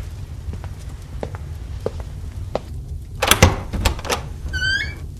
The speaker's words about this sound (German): als du die Tür eben geöffnet hast, woran hast du da gedacht?